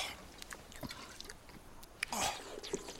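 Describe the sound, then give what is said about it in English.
Soft liquid sounds of water sloshing and being gulped from a canteen, with brief splashy bursts and drips, fairly quiet. “Here, my canteen.”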